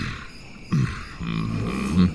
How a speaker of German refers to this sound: Und für die brülle ich, so laut ich kann. Darüber freuen sich vor allem die Kinder. Es macht besonders Spaß, wenn sie erst erschrocken schauen, aber dann vor Aufregung und Freude klatschen.